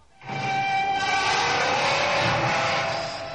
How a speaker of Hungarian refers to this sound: Fülsértő csikorgás.